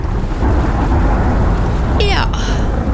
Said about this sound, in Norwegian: Der kom regn igjen.